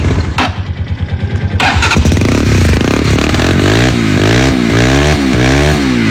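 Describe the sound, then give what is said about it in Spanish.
A newly bought, unmodified motorcycle with its original stock exhaust cranks and catches, then idles roughly before being revved several times in quick rising and falling bursts, loud, with no one talking. “El tubo escape es original. Pero mi tupo...”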